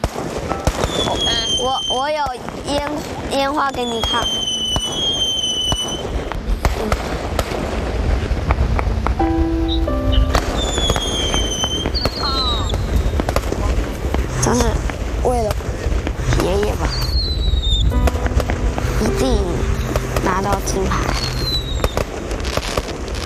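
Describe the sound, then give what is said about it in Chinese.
Fireworks go off in a steady barrage: whistling rockets swoop up and down in pitch amid booming bursts and crackles, fairly loud and continuous, with people's voices faintly mixed in. “我有烟花给你看”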